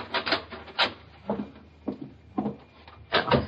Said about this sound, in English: That's the cellar door. Open it